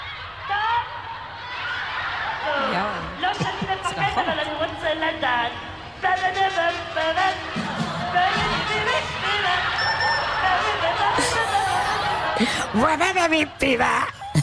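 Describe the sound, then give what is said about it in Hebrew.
A huge crowd of thousands of children in the Yad Eliyahu sports arena laughing and shrieking together, a dense, continuous roar of high-pitched giggles and cheers rising and falling in waves, with no break for the whole stretch. “ככה זה נשמע. כן, זה נשמע שקולות האלה, את הילדים. אלפי ילדים.”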